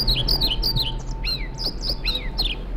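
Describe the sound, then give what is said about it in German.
A European pied flycatcher sings a quick series of high, sweet chirping phrases, repeated in a steady rhythm, clear over a low background hum, with no voices. “Das ist, wenn Sie es genau wissen wollen, ein Trauerschnäpper. Ich finde, der zwitschert schön, aber der Name Trauerschnäpper, also das steht für mich jetzt nicht nach, klingt nicht nach Aufbruch und Reform.”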